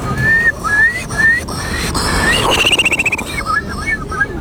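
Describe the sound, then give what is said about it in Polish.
A person whistles an imitation of a Eurasian curlew as a showpiece at the third Polish Bird Imitation Championships, held in front of the Palace of Culture and Science: several rising calls, a fast bubbling trill, then a few more rising notes, fairly loud over a faint background hum. “Numer popisowy to będzie Kulik Wielki. Brzmi on mniej więcej tak.”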